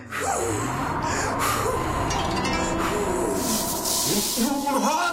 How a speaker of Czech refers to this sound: Napřed ale třikrát fouknu do komína.